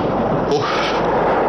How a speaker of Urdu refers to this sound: جہاں پناہ، یہ تو انگریزوں کی توپیں ہیں. پتا نہیں ایک ایک دھماکے میں کتنے لوگوں کو موت کے گھاٹ اتارا جا رہا ہوگا.